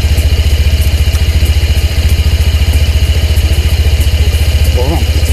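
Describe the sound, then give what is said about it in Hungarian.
A Honda PCX 125 scooter engine idles quietly with a rapid, even putter that holds steady, then is shut off, with a faint voice briefly audible near the end. “Ami nekem baromira tetszik, és akkor megint beindítom, hogy ennyi, tehát a fordulat tényleg annyira halkan jár, olyan szépen jár, ezt nem is vagy tudjuk mondani, illetve ami nagyon tetszik benne, és akkor most leállítjuk.”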